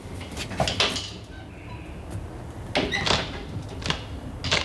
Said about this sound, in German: Da ist ein Schrank aufgebrochen. Und warum? Weil sie keinen Schlüssel hat, du Dussel.